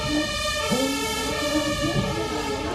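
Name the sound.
emergency vehicle siren passing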